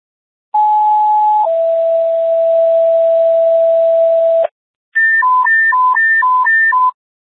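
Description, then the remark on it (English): Loud dispatch radio emergency alert tones during a tone check for Station 1: a brief steady tone drops to a longer lower one, then after a short pause a rapid high-low alternating warble sounds, with no voices. “Station 1, how do you copy emergency tones?”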